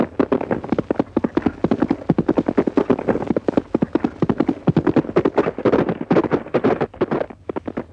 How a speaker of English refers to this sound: That horse is almost human. Knows everything you say, even on a trial gallop.